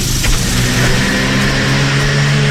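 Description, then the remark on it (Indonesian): A car engine revs loudly as the car approaches from behind in traffic, holding a steady throaty drone with a low humming tone throughout, no voices present. “Anda tidak tahu apa yang datang dari belakang, melainkan jika anda ada mata. Di belakang kepala, berjalanlah dengan hadap lalu lintas.”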